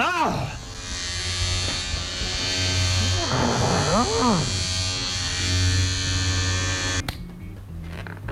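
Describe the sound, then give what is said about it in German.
An electric razor buzzes steadily and loudly for about seven seconds at a hairdresser's, its motor pitch wavering as it shaves off a customer's hair, then cuts off abruptly; voices speak briefly in German over it and after. “Sie können doch nicht einfach den Rasierer...”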